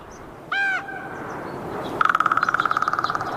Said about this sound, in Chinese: 突然，一阵熟悉的叫声传入他的耳中。原来是老邻居杜鸦，他们仿佛无处不在，总是吵闹不停。